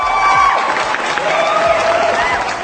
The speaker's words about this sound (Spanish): Un aplauso doble.